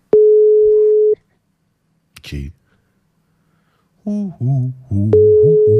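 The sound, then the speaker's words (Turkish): An outgoing call's ringback tone: a steady single-pitched beep lasting about a second, a pause with a faint click, then the tone returns beneath someone speaking. “Evet, çalsın da. Evet, çalıyor. Bekleyelim bakalım.”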